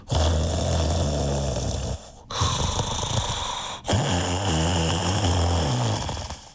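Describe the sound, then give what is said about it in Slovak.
A voice loudly imitates the heavy snoring of a wolf lying on a featherbed with a full belly, in three long, rumbling, rattling breaths separated by brief pauses, alone with no talking. “Pohladkal si plné brucho a rozvalil sa navrch na perinu. O chvíľu už chrápal.”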